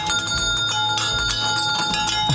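A loud, continuous mechanical bell rings rapidly and steadily, its metallic clanging sustained throughout, with faint fairground bustle underneath and no talking.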